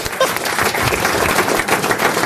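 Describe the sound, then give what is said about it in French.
A steady burst of applause for someone who has just been to urinate, many hands clapping in a dense, continuous patter at even loudness throughout, with no voices standing out. “Parce qu'il y a le son, et en tout cas, c'est un plaisir d'être applaudi juste parce qu'on a pissé.”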